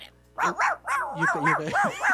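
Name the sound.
dog barking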